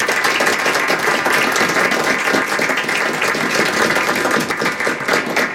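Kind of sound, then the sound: crowd, applause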